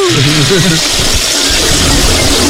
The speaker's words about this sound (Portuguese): Alguém puxou a descarga, mas aí é uma várzea, né?